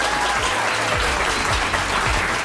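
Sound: audience applauding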